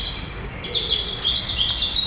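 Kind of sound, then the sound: bird, blackbird singing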